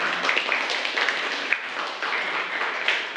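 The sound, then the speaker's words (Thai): An audience claps steadily for the group representatives for about three seconds, a dense, even patter of many hands with a few sharper individual claps standing out. No one speaks. “ค่ะปรบมือให้กับตัวแทนด้วยค่ะ”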